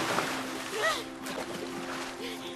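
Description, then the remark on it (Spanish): Water splashes and sloshes in a steady, busy stream of bursts as people splash each other in a lake, with voices calling out and laughing over the churning water and a faint steady hum underneath. “Ruby y Miles se salpican el uno al otro.”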